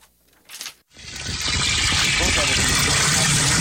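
After a brief knock, water rushes steadily and loudly into a 5-gallon bucket at the Village of Ambler's water treatment plant. The splashing roar builds quickly, then holds at a constant level without pause.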